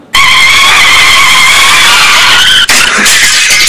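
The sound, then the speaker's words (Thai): A loud, high-pitched tire squeal from a motorcycle skidding on a wet, slippery road holds steady for over two seconds, then breaks off abruptly into a rough, noisy scraping clatter as the bike goes down. “ไปเจอแบบว่าถนนเปียกๆทางลื่นเนี่ยโอ้ยยิ่งถ้าขับเร็วแล้วก็โค้งเคิ้งมาล้มคว่ำ”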